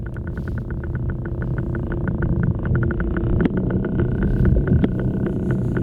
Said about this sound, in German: Also, so klingt ein Oktopus, wenn er sich auf dem Meeresboden bewegt.